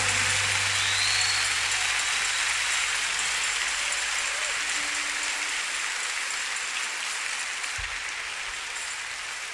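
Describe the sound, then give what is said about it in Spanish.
A large crowd claps loudly and continuously, a dense, steady wash of applause that fills the whole stretch without letting up. “Señor, merece un aplauso más fuerte, hermano.”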